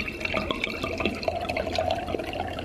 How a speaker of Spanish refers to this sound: Se llama la sitcom del momento y es de un hombre que lava los platos.